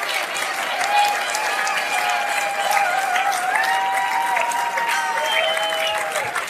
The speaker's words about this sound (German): unsere Tänzer und Tänzerinnen einen riesen Applaus. Für unsere Europapark-Tänzer